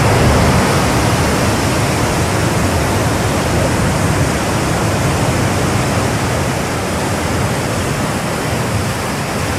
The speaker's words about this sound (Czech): Druhé místo nejlíbivějších zvuků obsadil zvuk mořského příboje.